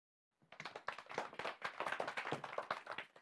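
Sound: audience clapping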